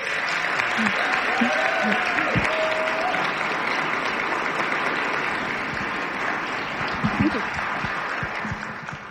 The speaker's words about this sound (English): Let's all give Mitch a round of applause.